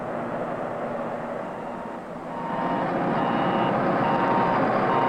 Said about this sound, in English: Backup alarms are another effective means of preventing backing accidents. All moving equipment should have automatic backup alarms that sound off whenever the vehicle is operated in reverse and are audible above the surrounding noise level.